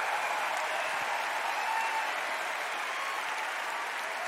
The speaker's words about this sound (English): I'm sure you'll agree. That is the world's finest on the stage right there. Please give another big round of applause for this incredible cast.